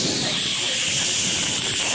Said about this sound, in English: I was putting on some deodorant, and my spray nozzle stuck.